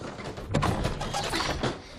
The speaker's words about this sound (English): The drawer is stuck. It needs to dry out.